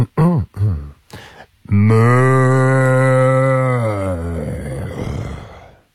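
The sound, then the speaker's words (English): A man imitates a cow in a mooing competition where the moo must last at least 5 seconds, giving a few short vocal bursts before launching into a long, loud, sustained moo lasting a few seconds that fades into a rough, breathy finish. “It's got to be 5 seconds. It can't just be like moo.”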